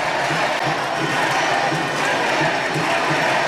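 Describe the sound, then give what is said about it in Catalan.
A large crowd in the Plaça del Blat in Valls applauds and cheers steadily during a 5 de 9 human tower (castell), with shouts of "Vella, Vella"; a dense, continuous roar of clapping and shouting voices that stays loud throughout without pause. “Ha passat per un moment delicat aquest 5 de 9 i escolteu com aplaudeix la supercatedral, la plaça del Blat de Valls.”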